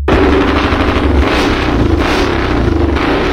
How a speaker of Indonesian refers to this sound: suara motor kamu dikecilin dikit kenapa sih? Berisik banget tahu? Berisik apaan sih? Orang suara motornya udah bagus, kan udah keren tuh. Keren-keren. Suara knalpotnya itu berisik, mengganggu orang lain, tahu enggak?